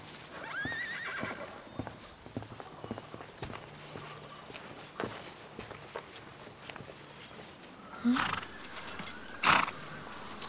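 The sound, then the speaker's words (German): Horses whinny and neigh with a short harmonic call early on and louder bursts near the end, over scattered clopping hoofbeats on a hard surface in a quiet outdoor setting. “Tja, wir haben ein Problem mit unseren Pferden.”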